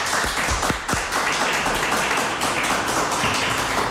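A crowd applauds steadily, a dense, even wash of many hands clapping at once, loud and sustained throughout with no voices standing out.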